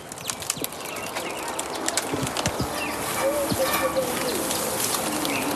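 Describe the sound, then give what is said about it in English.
Scattered crackles and snaps as a zoo elephant reaches its trunk through the enclosure fence, a foot or two from the listener, and pulls a green branch and twigs inside for a snack. The sounds are uneven and fairly soft, with bird calls and a steady outdoor hiss running underneath. “If you listen really carefully, you can hear him pull the branch inside for a snack.”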